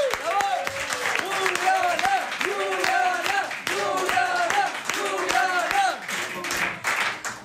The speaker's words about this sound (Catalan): Rebem amb un fort aplaudiment a la Juliana Canet.